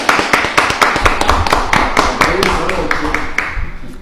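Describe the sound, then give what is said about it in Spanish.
A crowd applauds the owner of Norte Stage with dense, irregular clapping that stays loud and steady for a few seconds, thinning slightly toward the end, with a murmur of voices mixed in underneath. “Fuerte el aplauso, che.”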